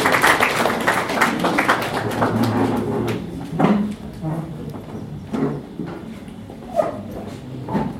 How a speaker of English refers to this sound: Please, may we clap for her as she comes to you.